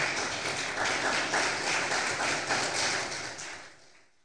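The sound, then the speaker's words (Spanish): An audience claps steadily for a few seconds, a dense crackle of many hands that holds fairly even before tapering off toward the end. No one speaks over it. “¿Cuántos dicen gloria a Dios? Le damos un aplauso, por favor.”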